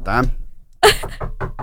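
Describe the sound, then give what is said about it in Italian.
A brief bit of speech, then after a short pause a run of four quick, evenly spaced knocks, fairly loud, re-enacting knocking heard at a studio during an interview recording. “E quindi io vado bella bella dentro lo studio a fare l'intervista, e a un certo punto, mentre stavo registrando, mi sento bussare. Rifallo di nuovo, scusa.”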